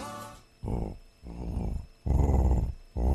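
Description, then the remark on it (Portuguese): A person growls like a jaguar: a series of four loud, rumbling, throaty bursts with short pauses between them, with no other talking. “Na dúvida, como é que é um barulho de onça, hein?”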